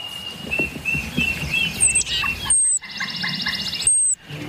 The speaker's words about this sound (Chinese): 又是一次雀鹰警报，但这一次是狼来了。